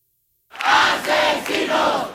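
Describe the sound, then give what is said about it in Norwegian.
Protesters gathered in Madrid after the death of María del Carmen Abascal chant in unison, with three loud rhythmic swells of many shouting voices after a brief silence, the words blurred into a roar. “Demonstranter har samlet seg i Madrid etter nyheten om Maria del Carmen Abascals bortgang.”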